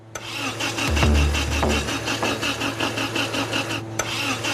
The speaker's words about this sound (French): Le moteur restauré a été installé. Encore faut-il qu'il démarre. Il a tout d'un moteur prêt à rugir. Mais va-t-il tenir ses promesses ?